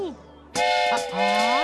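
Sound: train whistle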